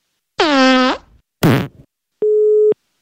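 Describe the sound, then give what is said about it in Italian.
Two loud, rasping fart-like blasts from a caller removing an anal plug, the first with a falling pitch, are followed by a single steady, mid-pitched telephone busy tone lasting about half a second as the phone line drops. “Deve essere caduta la linea.”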